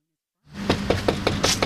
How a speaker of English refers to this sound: Jim Hodzma says he knocks on doors nearly every day. I tagged along on a Tuesday in late September as he walked down Chestnut Avenue in Battle Creek.